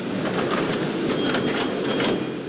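A steady, loud rumble of a Mexico City subway train running on rails, with rattling metallic clatter and faint high squeals throughout, no voices heard.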